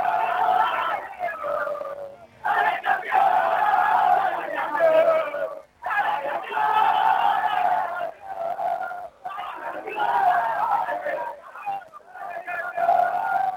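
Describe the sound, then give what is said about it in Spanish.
A football team's crowd of voices cheers and chants loudly, celebrating Villa de la Quebrada's championship in the second category of football, singing in rhythmic bursts separated by brief pauses. “Bien, ahí Darío el festejo, ¿no? Del grito del campeón de Villa de la Quebrada.”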